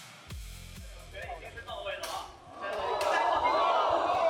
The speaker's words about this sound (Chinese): 大家听到了吗？这是金属砸在金属身上的闷响。我现在呢是在八角笼旁边，那么这一拳从耳边挥过去呢，是全身都在起鸡皮疙瘩。